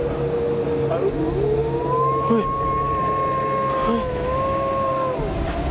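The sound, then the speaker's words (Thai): A dog lets out one long, drawn-out howl lasting several seconds in a village, holding a steady, slightly wavering pitch before trailing off, over a constant low background rumble and murmur. “เฮ้ยพี่ทำเสียงหมาหอนได้ไหมเนี่ย ใครทำ เอ้า ไม่ได้ทำ ไม่ได้ทำแล้วมันหอนอะไรอ่ะ รู้แล้วหมามันหอนอะไร”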